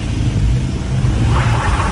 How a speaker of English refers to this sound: Videos on social media show vehicles stuck in thick snow with other routes temporarily closed. These drivers were seen on a social media clip helping each other trying to navigate their vehicles over a pass in the Eastern Cape.